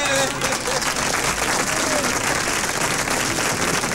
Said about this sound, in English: So, hear that clapping? There's no me talking. There's nothing else. Clapping.